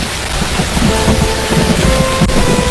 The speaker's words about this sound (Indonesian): Hujan lebat menghalangi pandangan, hanya berjarak beberapa meter saja.